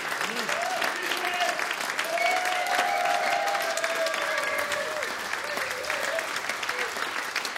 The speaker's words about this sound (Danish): Det, du hører her, er publikum, der klapper til en koncert, som de lige har hørt med …, med … helt i front, orkestrets pianist.